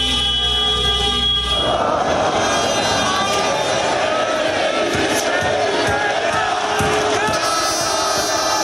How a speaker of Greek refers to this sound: Ο Ολυμπιακός είναι πρωταθλητής Ευρώπης για τέταρτη φορά στην ιστορία του. Στο Δημοτικό Θέατρο Πειραιά ο κόσμος δεν σταματά να φωνάζει.